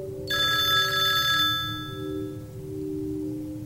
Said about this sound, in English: Oh, the phone is ringing again.